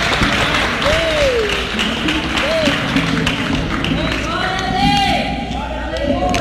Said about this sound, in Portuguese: Pronto, pode bater palmas com Jesus.